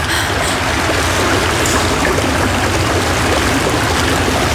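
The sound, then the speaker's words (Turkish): Steady, dense hiss of rain starting to fall, loud, a continuous wash of patter with no voices and no pauses. “Yağmur başladı değil mi?”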